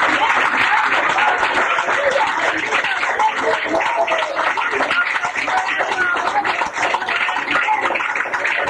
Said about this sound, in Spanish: ¡Fuerte aplauso al Señor, hermano! ¡Gloria a Dios!